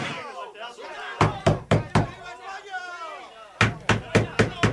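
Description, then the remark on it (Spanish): Loud, heavy banging on a front entrance door comes in two rapid bursts, four blows and then five, with muffled voices murmuring in the background between them. “Están disparando contra la puerta de entrada.”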